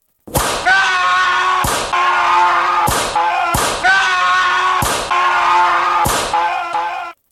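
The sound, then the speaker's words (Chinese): Sharp whip cracks strike again and again at an uneven pace, roughly once a second, each a loud snapping lash heard from outside a window late at night, over a steady mournful tonal drone that fills the gaps between blows. “突然间向窗外面传来一阵阵的好凄凉的鞭打声啊。”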